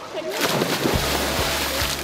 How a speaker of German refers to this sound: Ja, einfach Platsch in den See rein.